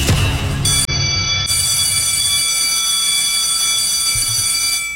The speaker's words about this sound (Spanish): ¡Ya dieron el timbre!